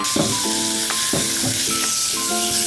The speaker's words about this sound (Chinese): 锅里倒少量的油，因为腊肉有油，把腊肉倒进去翻炒一下。